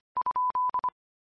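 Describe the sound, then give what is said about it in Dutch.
A steady mid-pitched radio beep tone sounds alone in six bursts: two short beeps, two longer ones, then two short beeps again, with no voices. “En even de piep laten vallen.”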